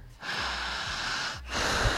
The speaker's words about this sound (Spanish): Fuerte la respiración